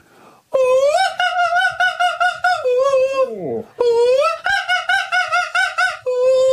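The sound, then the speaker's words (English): A person strains through a high, warbling soprano run, with rapid staccato notes, a swooping slide down in pitch, then more shrill repeated notes, loud, sounding almost like a crowing bird. “I want to hear people trying the magic flute”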